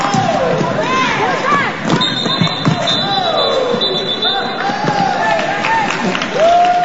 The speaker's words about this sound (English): Once the derby begins, the crowd goes nuts. The action is fast-paced, and the hits are hard. Every player that crashes to the ground draws emphatic cheers.